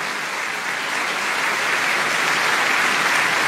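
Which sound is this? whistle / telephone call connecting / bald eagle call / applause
applause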